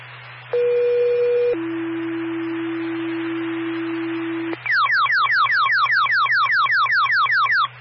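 Fire dispatch alert tones paging Winter Fire to a fire alarm activation in a maintenance building at St. Gaudens Road and Cornish: a short steady pitch steps down to a longer, lower held tone, then a rapid run of repeating falling chirps, loud and clear over a faint low hum.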